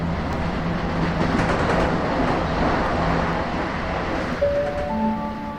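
A EuroCity 787 train running from Munich Hauptbahnhof to Venice rumbles steadily and loudly, a dense rolling roar. Near the end a few sustained squealing tones rise over it, like brakes, as it pulls into platform 3 at Salzburg Hauptbahnhof, Austria.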